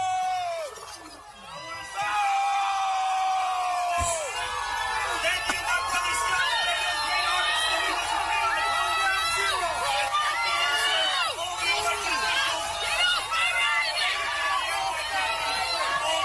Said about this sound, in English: The silver lining of this is that Zoran Mamdani has not fooled everybody, and he got booed off stage at an NYPD event. Listen to this.